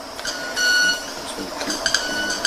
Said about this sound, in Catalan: Pensava que era un sai que s'havia posat en marxa. Quasi, no, és l'ocellet que va fent les seves... Sembla un timbre d'alguna cosa d'aquestes...